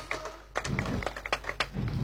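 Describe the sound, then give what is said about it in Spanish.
Audience applause made of scattered, irregular hand claps, sharp percussive bursts at an uneven pace over a low steady hum, moderately loud throughout with no voices. “Fuerte, fuerte los aplausos.”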